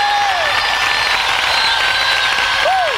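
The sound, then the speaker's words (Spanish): A large stadium crowd applauds loudly and continuously, a dense wash of clapping with scattered whistles and cheers rising over it. “Y quisiera escuchar ese aplauso fuerte.”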